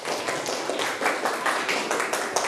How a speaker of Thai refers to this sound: ถ้าพร้อมแล้วขอเสียงปรบมือให้กลุ่มที่1ก่อนเลย